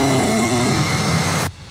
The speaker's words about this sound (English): And a little growl, a little... It looks like my dog.